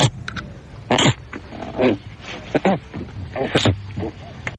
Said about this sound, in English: Okay, I'll tell you what my immediate reaction was. Like a bear sniffing. It is a bear? It is a bear.